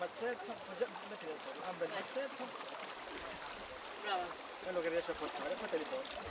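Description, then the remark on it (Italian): Water sloshes and splashes as hands work plant fibres back and forth in a shallow stream, washing away impurities, with sand used to weaken the outer film as the fibre is stripped from the bark; trickling running water throughout and a person talking over it. “La scorticatura è un lungo lavoro di mani vicino all'acqua per lavare via le impurità e con l'aiuto della sabbia si inizia a indebolire la pellicola esterna.”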